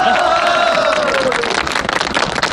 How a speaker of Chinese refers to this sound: 鼓掌，大家